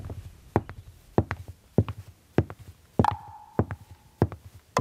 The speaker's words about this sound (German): Die Geräusche unserer Schritte. Sie sind der Herzschlag unseres Alltags. Mal sind wir schnell unterwegs, mal langsam.